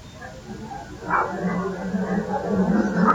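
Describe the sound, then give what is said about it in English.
A dog gives short, sharp barks and high yips in a couple of brief bursts over a low steady background rumble. “Now, come on, there's a good dog.”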